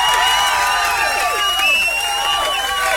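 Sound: applause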